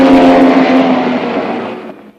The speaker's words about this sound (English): Then the gorilla in the silver convertible speeds past him again.